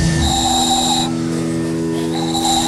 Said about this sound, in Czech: Vyrábil jsem tady takový kuličky, do toho se fouká a se toho robí taková píšťalka.